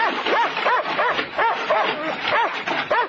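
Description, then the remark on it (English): A dog behind a wire fence barks rapidly and continuously, a loud run of sharp barks and yips coming roughly three a second with no pause. “Make to pat the dog.”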